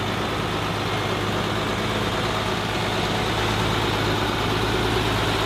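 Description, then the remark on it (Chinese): A heavy truck engine rumbles steadily, a deep continuous drone with a constant loud hum and no voices, as the truck slowly starts moving off, carrying the Han Xiu tomb murals away from the archaeological site. “卡车缓缓地开动了，含羞目中的壁画离开了考古工地。”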